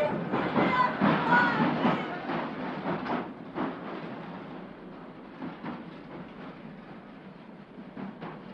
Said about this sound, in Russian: Поезд дрогнул на выходных стрелках, изогнулся дугой, и девушка розовогродой птичкой улетела за поворот.